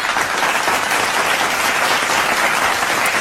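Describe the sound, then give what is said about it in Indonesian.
A dense burst of applause from a crowd, many hands clapping steadily and loudly for a few seconds with no voices over it. “Eh kok ketawa sih, efeknya harusnya tepuk tangan dong. Tepuk tangan dulu.”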